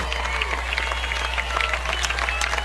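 The Brandon Valley crowd cheers and claps at a high school football game against Jefferson on the campus of Brandon Valley High School, ahead of a Jefferson third and 11. It is a dense, continuous roar of many voices with scattered sharp claps, fairly loud and unbroken, under a low constant hum.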